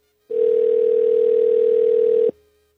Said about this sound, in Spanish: Vamos a ver si nos contesta. Nos vamos a comunicar ya. Vamos a ver si no responde la llamada. Mire qué lenta estoy el día de hoy, ¿eh? Estoy marcando cuidadosamente.